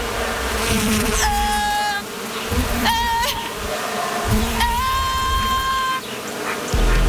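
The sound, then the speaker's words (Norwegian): Bees buzz steadily, their droning hum rising and falling in pitch as individual insects fly past, with no talking. “Men denne uka så er det bier, og det er ikke så mye blod og gør.”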